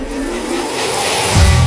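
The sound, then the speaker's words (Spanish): A car engine revs up, a steady rumble that swells louder toward the end as the engine climbs in pitch, with no voices. “Revoluciona tu coche y súbele a tu radio, que estás en Oye 89.7.”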